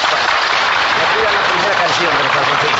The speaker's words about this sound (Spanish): Y el público con este aplauso también.